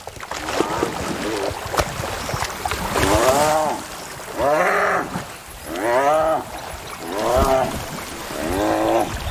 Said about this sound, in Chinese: 占上风的斑鬣狗狠狠咬住另一只斑鬣狗。 他们的咬合力真是惊人。 被咬住的斑鬣狗不断扭动身体，终于挣脱了。